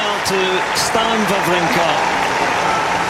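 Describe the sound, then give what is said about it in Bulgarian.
A crowd of spectators at a Grand Slam tennis tournament gives a loud, sustained ovation as Stan Wawrinka cries after his marathon match with Matteo Berrettini, a dense steady wash of clapping that lasts the whole clip, with a voice speaking over it. “След края Вавринка не сдържа емоциите си и се разплака под бурните овации на зрителите.”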